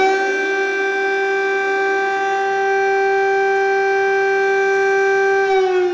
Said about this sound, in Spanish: Vamos a fijarnos esta noche en el día a día en las escuelas y en los llamados estudiantes topo, porque bajan a los sótanos de los centros desde los que suena, los que escuchan. Esta sirena que vamos a escuchar.